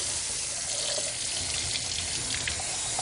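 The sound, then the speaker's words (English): About 2 cups of hot water pour in a steady, continuous stream over about eight berry herbal tea bags, a broad splashing hiss that holds evenly for a few seconds, with no voices. “And we're just going to put hot water over this. So around about 2 cups of hot water.”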